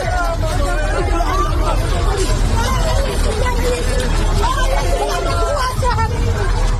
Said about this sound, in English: tremor, measuring 7.7 on the Richter scale, hit the eastern Flores island. A tsunami warning was issued, but later lifted. These people can be heard shouting moments before a building collapsed at 6 a.m. local time and 11 p.m. last night, Irish time.